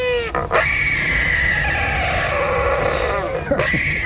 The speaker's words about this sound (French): Celui-ci, c'est bien un oiseau que vous allez entendre, c'est l'albatros hurleur.